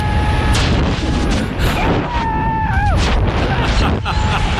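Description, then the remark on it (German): Loud, unbroken roar of rushing wind buffeting hard for the whole clip during a tandem skydive free fall, after a backward-somersault jump from a plane at 3,000 to 4,000 metres with Sky Factory in Stadtlohn, with a few brief wavering vocal shouts rising and falling above the noise. “Viel Action auf jeden Fall, viel Wind, es geht ordentlich ab. Erstmal schön im freien Fall und dann geht irgendwann auch der Fallschirm auf.”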